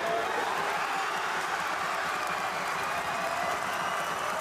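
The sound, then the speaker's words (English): A dense, steady roar of a stadium crowd cheering at the Sydney Showground as the GWS Giants take a 5-point lead in the final term, broad and sustained for several seconds without letup or distinct voices. “The crowd says it all.”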